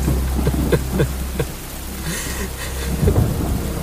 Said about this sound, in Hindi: काफी अरसे बाद बारिश हुई है, सोचा थोड़ा मजा ही ले लूं।